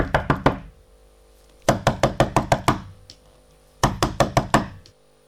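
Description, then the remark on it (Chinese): Three bursts of loud, rapid knocking by a father on his son's locked bedroom door: a short flurry, then a longer run of hard raps, then another quick volley, with no voices. “他腾腾腾走到儿子门口，开门，门锁着，不假思索梆梆梆的敲啊。”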